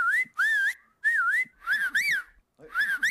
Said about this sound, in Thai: ลองไปผิวปากลองถามว่าลองผิวดูสิผิวได้เปล่าถ้าผิวไม่ได้นั่นหมายถึงว่าคุณอาจจะมีลิ้นที่ไม่แข็งแรง